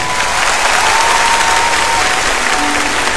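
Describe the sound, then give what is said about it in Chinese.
Loud, sustained applause from a large crowd, a dense wash of many hands clapping at once with no pauses, steady in volume throughout. “嚟啊，真嘅呢件事，嚟快啲拍，大啲拍手，等我听到你哋。”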